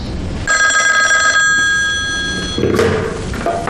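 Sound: telephone ringing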